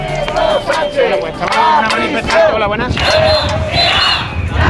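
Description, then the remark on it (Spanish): A large protest crowd in Ceuta, Spain, marching toward the Tarajal border crossing, shouts together against minister Grande Marlaska in loud, overlapping bursts, many voices rising and falling in rough chanted waves with no break for the whole stretch. “Y gritos también contra el ministro Grande Marlaska”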